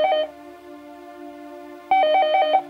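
A telephone rings at the start of a song, in two short electronic trilling bursts, one at the start and another after a pause, with a steady tonal hum sustaining between them, fairly loud with no voices.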